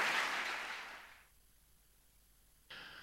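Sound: enthusiastic audience applause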